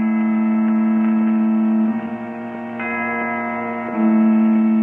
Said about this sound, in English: Just then, the church sounded its bell.